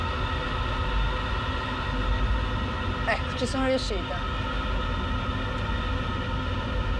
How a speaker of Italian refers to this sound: Vado così perché poi, insomma, non è che questo sia proprio un set, è un treno, in fondo è un treno, se ho tutta la bocca fatta un po' così.